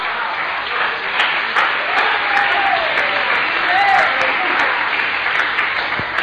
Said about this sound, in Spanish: Alabado sea el Señor en esta hora. Dale un aplauso a Cristo.